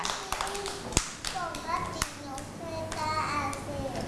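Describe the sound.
A few sharp, scattered hand claps ring out close by, mixed with children's high voices chattering and calling throughout.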